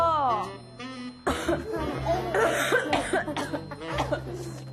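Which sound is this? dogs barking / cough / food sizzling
cough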